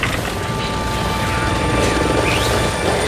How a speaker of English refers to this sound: Isn't Kingfisher Chopper 7 landing over there now? Oh, it is.